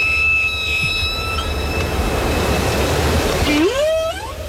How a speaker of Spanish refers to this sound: Bueno, este sonido es de una ballena jorobada, no es de una orca,